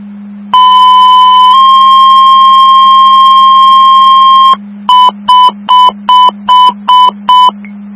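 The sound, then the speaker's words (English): Two-tone emergency dispatch pager tones for an EMS call in Mercer County, signalling a driver is needed: a long, steady tone that shifts pitch partway through, then a run of seven quick, evenly spaced beeps, all loud over a constant low hum. “Mercer County, Western Field, second tone is driver needed.”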